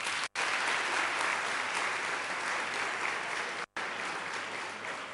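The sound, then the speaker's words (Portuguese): Steady, dense applause from an audience for all the guests and invited children, a loud continuous patter of many hands clapping that holds at an even level throughout, with no voices heard over it. “Então, uma salva de palmas a todos vocês.”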